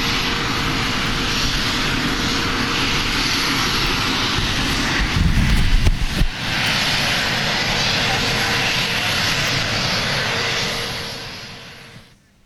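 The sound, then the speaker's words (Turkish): A loud, steady roar of airplane engines as the plane carrying Russian leader Putin arrives in China, holding constant with a brief rumbling surge midway before tapering off at the very end. “Putin uçaktan indiğinde canlı yayında görüntüleri ekranlarınıza taşırız ama diğer gelişmeleri de aktaralım bu süre zarfında.”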